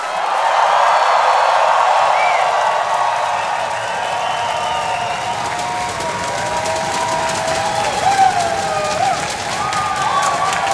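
A large festival crowd at the small stage cheers and shouts loudly for the performer, a dense wall of noise with scattered whistles and whoops rising above it, sustained throughout without a break.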